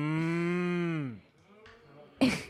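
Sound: cows mooing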